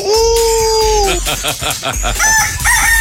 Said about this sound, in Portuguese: Olha o galo encantado aí do pastor Paulo Sérgio.